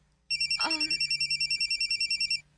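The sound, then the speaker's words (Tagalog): A mobile phone ringtone trills loudly and steadily in rapid electronic pulses for about two seconds, with a brief rustle or clatter near the start and a low hum underneath. “Mananawag sa phone”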